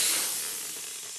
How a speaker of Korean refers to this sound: 데니 할아버지가 타이어에 공기를 채웁니다.